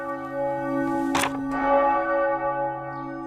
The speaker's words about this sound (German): Sonntagvormittag in Schellenberg, einer 1000-Einwohner-Gemeinde im Norden des Fürstentums Liechtenstein. Die Glocke lässt den ganzen Ort wissen, in der Pfarrkirche Unbeflecktes Herz Maria wird gerade Eucharistie gefeiert.